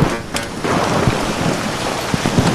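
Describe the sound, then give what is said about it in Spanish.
A heavy rain and hail storm pounds down at a finish line, with water and hailstones streaming downhill, in a dense, continuous roar with occasional sharper impacts and a low rumble underneath, loud throughout with no voices. “pero es que ver las imágenes, es una riada de agua y de bolas de granizo las que están circulando hacia abajo, bueno, en esta línea de meta.”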